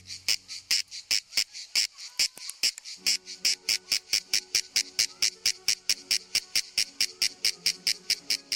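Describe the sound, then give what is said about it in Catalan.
A shrill, buzzing insect song of rapid regular pulses, high-pitched and loud, repeating steadily throughout with a faint lower hum in the background from midway on. It is made by males during the middle hours of the day by vibrating a membranous structure under the body that acts as a resonance box. “Durant les hores centrals del dia, els mascles emeten una renou molt estrident produïda per la vibració d'una estructura membranosa que tenen davall del cos i que actua com a caixa de ressonància.”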